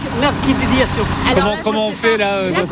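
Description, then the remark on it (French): A heavy goods truck engine rumbles steadily as it maneuvers in Sablé. Several people's voices call out loudly over the low drone as they guide the truck together so it can leave, and the truck touches a street lamp. “On se retrouve même à guider tous ensemble ce camion pour qu'il puisse repartir.”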